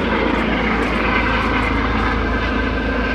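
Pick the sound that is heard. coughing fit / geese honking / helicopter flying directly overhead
helicopter flying directly overhead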